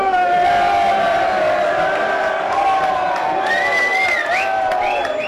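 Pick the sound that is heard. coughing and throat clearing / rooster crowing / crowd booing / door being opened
crowd booing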